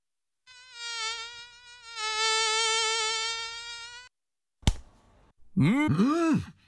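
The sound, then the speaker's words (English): A thin, high-pitched mosquito whine drones for several seconds, swelling louder midway, then a sharp slap cuts in before a short buzz returns, wavering up and down in pitch. “That was a mosquito.”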